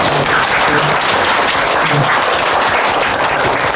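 A crowd claps steadily and loudly, a dense, continuous wash of many hands with no gaps, holding the same level from start to end.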